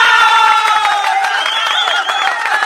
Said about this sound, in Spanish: ¡Qué bonito! ¡Qué bonito! ¡Los aplausos! ¡Bravo, bravo!